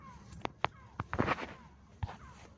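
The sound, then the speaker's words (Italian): Faint seagull cries drift in the background, partly covered by several sharp, loud knocks and bumps. Nobody speaks. “Senti il Gabbiani, dai, andiamo.”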